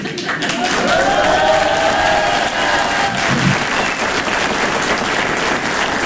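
A large audience bursts into loud, sustained applause as a performer arrives on stage, a dense steady roar of clapping lasting several seconds, with a few voices cheering above it.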